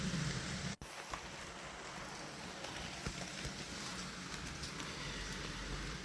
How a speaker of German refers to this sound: Und jetzt geht es weiter mit Regengeräuschen von meiner Fensterbank.